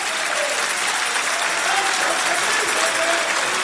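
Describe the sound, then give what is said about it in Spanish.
An audience applauds steadily, a dense wash of many hands clapping at once, sustained and fairly loud for the whole stretch with no pauses. “Si vas a aplaudir, hazlo para el Señor.”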